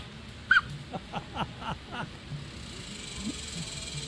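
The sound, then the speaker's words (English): A duck with the hiccups: one sharp yelp, then a quick run of five or six short, evenly spaced hiccup sounds, with a steady hiss in the background. “Well, I do now, and here's what a duck with the hiccups sounds like.”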